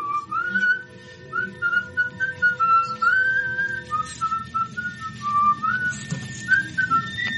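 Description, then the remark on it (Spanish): A man whistles a cheerful song while walking to the slaughterhouse at dawn around 4 a.m., a steady melodic line of clear notes with short pauses between phrases, fairly loud over a low, murmuring background. “Iba contento, hasta iba chiflando una canción.”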